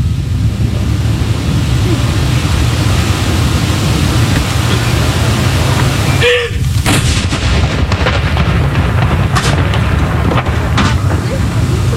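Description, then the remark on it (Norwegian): The first heavy cannon shot of a 21-gun mourning salute, fired with 30-second pauses between shots, booms out midway through, followed by a rolling echo, against steady outdoor rumble while a man speaks quietly. “Det altså 21 skudd i alt som skal avfyres. Og så det da som vanlig ved sørgesalutt, så det 30 sekunders pause mellom hver avføring.”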